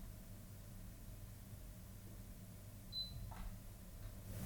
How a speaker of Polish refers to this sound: Kiedy wciskamy przycisk wyboru portu, słyszymy charakterystyczne piknięcie. Ja teraz postaram się to zademonstrować. Mam nadzieję, że coś będzie słychać.